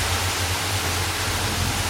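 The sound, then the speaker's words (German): A steady, loud wash of rushing water fills the whole stretch, broad and hissing like a waterfall, at an outdoor forest swimming pool in Geldern, Germany, on a sunny Saturday, with a faint low hum beneath and no voices. “Das klingt, als würdest du unterm Wasserfall stehen. Fast. Ich bin ja gerade im Waldfreibad in Geldern.”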